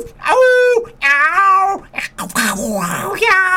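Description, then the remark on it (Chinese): A voice imitates a cat meowing, giving three drawn-out, wailing meows in a row, fairly loud, with a brief breathy pause between the second and third. “有，安尼喵，迄鸟母呐在笑的时阵，喵喵叫啊，喵喵喵喵，安尼，吼，嘿叫啊鸟刚才，喵。”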